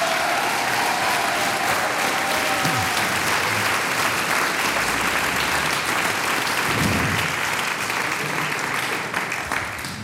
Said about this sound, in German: Und da haben wir heute 2 junge steirische Gruppen mit dabei gehabt. Zusammengespielt, das ist euer Applaus. Vielen herzlichen Dank.